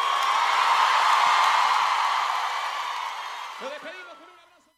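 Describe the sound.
Steady, dense applause from an audience that holds for a few seconds, then thins and fades out as a voice starts talking.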